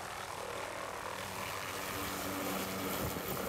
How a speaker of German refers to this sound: So, es ist jetzt 6.36 Uhr und wir sind hier an dem Platz, wo unser Hubschrauber starten wird. Und irgendwo da oben wird unsere Alp sein. Der Hubschrauber holt erst einmal sie und dann ihr Gepäck.